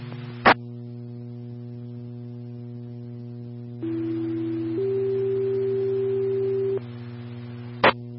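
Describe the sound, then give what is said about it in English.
Two steady radio dispatch alert tones for a rollover accident with injuries play back to back over a low electrical hum, the second pitched slightly higher and longer, framed by brief clicks of static as the channel keys on and off. “Aircare 1, tones for an accident with injuries.”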